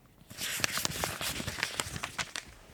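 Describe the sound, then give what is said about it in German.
A small paper roll that is a letter being unrolled: steady, bright rustling with a string of sharp crinkles and crackles over about three seconds, with no talking. “Wir haben da einen Brief bekommen, eine kleine Papierrolle, die habe ich da.”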